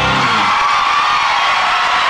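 A loud crowd bursts into applause and cheering, with whoops and shouts rising over dense clapping that fills the whole moment without pause.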